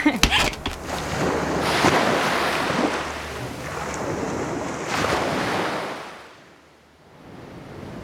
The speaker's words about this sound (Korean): 집에서도 파도 소리가 들리네요. 첫째 날은 좀 무서울 게예요. 이 파도 소리가 집안을 삼킬 것처럼 들릴 거거든. 그래도 둘째 날부터는 익숙해져요.